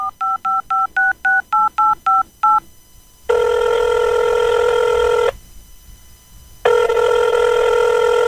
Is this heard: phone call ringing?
yes